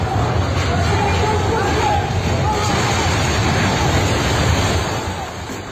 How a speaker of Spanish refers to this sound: Gritos y un estruendo enorme del momento en el que edificio se cae, se desploma por completo.